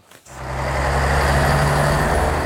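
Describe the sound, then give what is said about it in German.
Dense road traffic at the Neckartor intersection in Stuttgart, Germany, fills the scene after a brief quiet start, with a steady low engine rumble and idling trucks and cars blending into a loud, continuous wash of city noise. “Das war mal Deutschlands dreckigste Verkehrskreuzung, das Stuttgarter Neckartor.”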